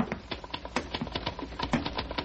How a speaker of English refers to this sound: He really is working, isn't he? I mean, I hear him. His typewriter.